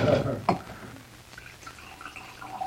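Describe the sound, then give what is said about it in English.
Wine splashes and trickles into glasses in a short pour, followed by faint, high ringing tones from the glass as the liquid settles, with soft murmuring underneath. “We have some extra wine glasses.”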